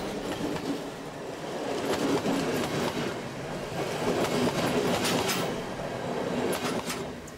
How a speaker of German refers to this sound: Unser Zug hat die Pusta erreicht und wir machen einen kurzen Abstecher zu einem besonderen Kleinod.